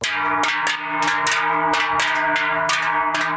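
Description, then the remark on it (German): Large cowbells carried by people at a Scheller and Treichler meeting, held every three years in the Bernese Seeland, Switzerland, clang loudly and continuously. Several ring together in a rough, repeated rhythm, their sustained metallic tones overlapping with sharp strikes about twice a second. No voices. “Die Schöpfen im Berner Seeland laufen am Freitag die Leute mit den grossen Glocken auf.”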